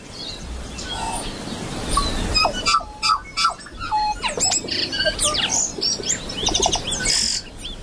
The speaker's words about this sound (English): The birds. The birds most of us see every day if we're lucky enough in the case of Tui. Urban birds in our cities and towns.